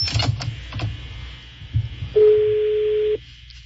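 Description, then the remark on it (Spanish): A telephone rings with a single steady electronic tone lasting about a second, loud, preceded by a few dull knocks and clunks of handling. “Está sonando el teléfono, está sonando.”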